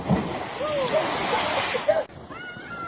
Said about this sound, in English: Look how strong the current is.